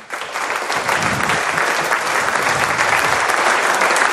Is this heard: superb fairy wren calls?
no